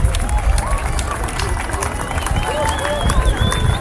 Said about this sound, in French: À 20h27, comme prévu. On applaudit le soleil quand même, c'est magique.